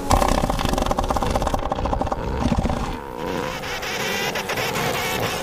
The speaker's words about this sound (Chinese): 现在是象海豹的繁殖季，这些重达4吨的雄性象海豹正在争夺对雌性象海豹的控制权。